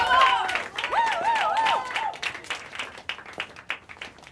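An audience applauds with brisk, uneven clapping. Wavering high whistles or whoops ring over the first couple of seconds, then the scattered claps carry on by themselves.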